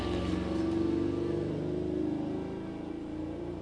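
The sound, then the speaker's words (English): A vehicle engine drones steadily, cars and motorcycles passing by an open window with a low rumbling hum that swells and then eases slightly, no voices present. “Doors and windows are open, so you will hear cars and motorcycles hiss by my window.”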